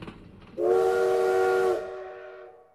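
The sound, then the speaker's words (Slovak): A steam train whistle blows one long, steady blast over a bed of hissing steam, trailing off into the low rumble of the last train leaving Bratislava rolling along the tracks. “Toto bol posledný vlak, ktorý pustili z Bratislavy.”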